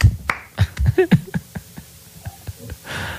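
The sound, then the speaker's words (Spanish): Scattered, uneven handclaps from a few people in a studio, sharp and fairly loud, with soft vocal murmurs and breathy sounds mixed in, ending on a brief breathy hiss. “No, todos estamos aplaudiendo.”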